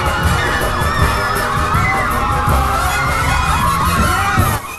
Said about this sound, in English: A large crowd of women chases him.